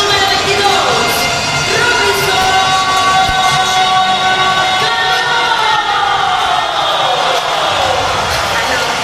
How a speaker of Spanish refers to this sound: Clase de ovación por parte de los aficionados para Robinson Cano, que se destapó con la cuchara grande, con un Grand Slam en lo que fue la sexta entrada.